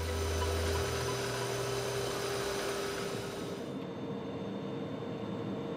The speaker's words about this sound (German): Zurück auf dem Führerstand unseres Güterzuges. Wir kommen nach Bellinzona. In Bellinzona werden wir die vordere Lok, die RE420, abspannen. Die geht weg und wir können dann diesen Zug mit 980 Tonnen mit einer RE620 durch den Tunnel befördern